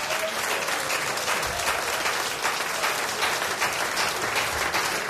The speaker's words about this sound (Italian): Vorrei anche comunque fare un applauso a Kiko, nostro tecnico, che come sempre si occupa del nostro suono.